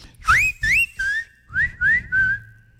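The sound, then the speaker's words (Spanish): A clear, loud whistled melody near B flat: six short notes in two phrases of three, each swooping upward into a steady held pitch, with no talking over it. “Está cerca, con el si bemol.”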